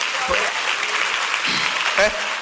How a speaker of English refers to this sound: Simple prayer like that, clap for Jesus. Simple prayer like that.